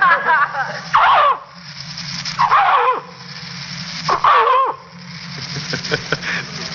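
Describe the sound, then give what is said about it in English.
A man, an animal impersonator, imitates a dog, giving three drawn-out barking yelps about a second apart, each with a whiny, falling pitch, followed by softer panting-like breaths. “Well, most of the time, I'm a dog.”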